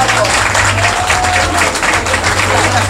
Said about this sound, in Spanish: Y yo desde hace 4 años estoy contratada por Hotel del Pacífico y por esta feliz administración que hace la familia González, a los cuales van todos mis respetos. Aplausos para ellos.